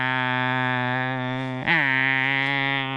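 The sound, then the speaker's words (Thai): Male cicadas calling in competition with one another in a loud, steady buzzing drone that holds for the whole stretch, with one brief dip and wobble in pitch before it resumes just as strongly. “จักรจันทร์พวกนี้มันก็เจาะเปลือกต้นไม้ทะลุไปดูดกินน้ำจากต้นไม้ที่อยู่ภายในต้นไม้ตัวผู้มันจะทำเสียงแข่งกันที่เราได้ยิน”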